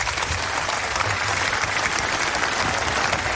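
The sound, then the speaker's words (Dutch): A large audience applauds all the speakers in the afternoon, a dense wash of many hands clapping at once, sustained and fairly loud throughout with no pauses and no one speaking. “Ik dank alle sprekers, voor alle sprekers een applaus voor het delen van zulke belangrijke verhalen vanmiddag.”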